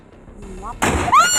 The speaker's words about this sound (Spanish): ¡Ay, mató al señor! Ante la fuerte explosión que se escuchó, bien podría haber muerto el chofer.